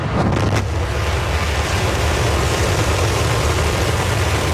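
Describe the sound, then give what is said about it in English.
The 33 engines of a SpaceX Starship Super Heavy booster roar at launch in Texas on a clear early morning, a loud, steady wall of rumbling noise with heavy low-end thunder that holds unbroken throughout, with no voices. “On a picture-perfect early morning, 33 engines of Starship's Super Heavy booster roared to life.”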